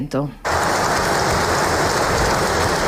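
A brief voice gives way to loud, sustained applause from a large crowd, a dense, steady hiss of clapping that holds evenly for a few seconds. The applause is for King Mohamed VI before his speech opening the legislative session.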